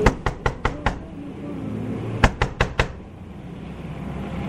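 Two quick bursts of sharp knocking, first five raps and then four more after a short pause, like knuckles rapping on a window. The knocks are fairly loud, with no talking.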